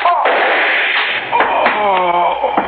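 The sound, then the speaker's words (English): A chair is smashed over a man: several sharp, heavy crashes and thuds in quick succession, with strained shouting and groaning voices mixed in throughout. “I had to bust this chair on him”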